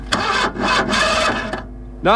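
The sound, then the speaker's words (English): A voice imitates a car engine cranking without catching, for a car that won't start about 2 miles from Ballineen: three rasping, grinding bursts in a steady rhythm, fairly loud, then it trails off before a short voiced sound at the end. “I'm stuck out here, about 2 miles from Ballineen, and I can't start the car. Can't start it? You can hear it there, look.”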